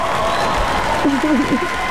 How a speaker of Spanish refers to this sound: qué bueno que andas por acá. Aplauso para ti.